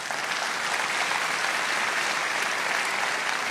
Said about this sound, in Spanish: Vamos a dejarlo hasta allí y darle un aplauso al Señor.